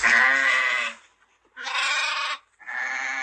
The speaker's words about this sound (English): Sheep. This is a sheep. Sheep. What does a sheep say?